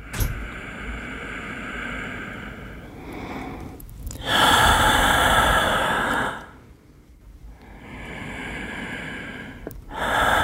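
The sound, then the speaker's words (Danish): Loud human breathing in slow cycles: long airy inhales and exhales, each lasting a couple of seconds, separated by brief pauses, with no talking. “Vi trækker vejret. Helt uden at tænke over det.”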